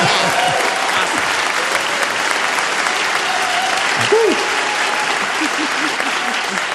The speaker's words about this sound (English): That one you're allowed to clap for, okay?